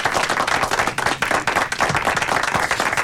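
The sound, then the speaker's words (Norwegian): Steady applause from a group, dense overlapping hand claps filling the whole stretch at a fairly loud level, with no talking over it. “Ja, og her får du også litt applaus.”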